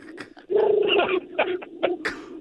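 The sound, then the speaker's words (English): A woman imitates a pigeon, giving a drawn-out throaty coo followed by several short, breathy coo-like bursts, fairly loud with no other speech. “She's doing a bird call now.”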